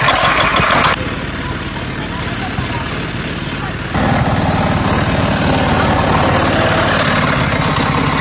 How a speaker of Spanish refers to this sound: Esto es un auto heladera hecho por nosotros, que acá le pusimos motor hace poco, pusimos este motor.